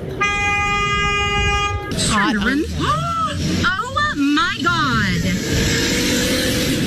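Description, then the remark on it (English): A steady, horn-like tone holds for about two seconds, then a car engine revs hard in several loud rising and falling surges as a woman guns it on a sidewalk in Washington State, before settling into a rough idle. “She's gunning it. Gunning it, and then he was trying to get away.”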